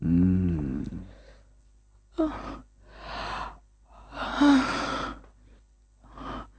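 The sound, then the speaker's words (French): A woman yawns aloud, a drawn-out voiced sound that slides in pitch, followed by several heavy, breathy exhales and sighs spaced a second or so apart, fairly quiet. “Elle bâille.”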